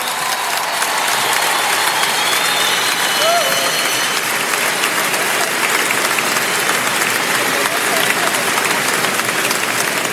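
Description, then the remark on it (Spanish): Loud, sustained applause from a large crowd fills the whole ten seconds, a dense steady clatter of many hands clapping with no break, given loudly in praise of Jesus. “Y va a dar ese aplauso, a dárselo bien fuerte a él.”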